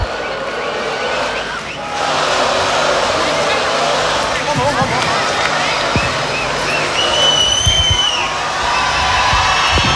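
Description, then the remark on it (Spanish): A large concert crowd cheers and applauds a national band continuously, a dense wash of clapping, shouts and whoops that swells after the first couple of seconds and stays loud throughout, with a few whistles cutting through. “Están pidiendo más fuerte el aplauso para esta gran banda nacional.”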